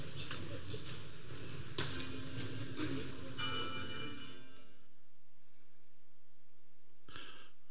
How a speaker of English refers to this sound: We prepare for worship with the ring of the bells.